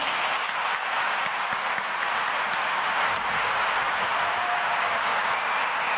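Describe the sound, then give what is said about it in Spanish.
Loud, sustained applause from an audience, called up on a count of three to welcome an orchestra conductor, a dense crackle of many hands clapping that stays steady for the full six seconds with no voices on top. “Vamos a llamarlo con un fuerte aplauso a la cuenta de tres.”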